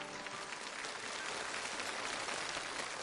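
A steady wash of audience applause for international students on stage from Hebei Normal University's College of International Cultural Exchange, mostly from Indonesia, others from Nigeria, Russia and Pakistan; dense clapping from a large crowd at even loudness without a break, with no voices rising above it.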